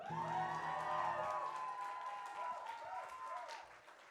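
A concert audience breaks into steady, dense applause for a performer, with cheers and a few whoops rising over it, the clapping staying loud for several seconds before easing slightly toward the end.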